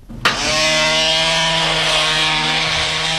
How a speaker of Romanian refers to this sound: Cum, doctore, și dumitale îți țiuie urechea? Nu, asta nu e de la mine, se aude de alături din cabinetul dentar.